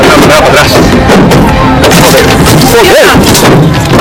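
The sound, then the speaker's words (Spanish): Loud, irregular thuds and bangs of stones and blows striking a car in Ceuta at night, recorded from inside it while a crowd outside throws stones and beats the windshields, with three people inside, over a constant roar of the agitated crowd shouting, with one sharp rising-falling yell near the end. “Escuchan, está grabado desde dentro de un coche con una multitud fuera lanzando piedras contra ese coche, apaleando los parabrisas.”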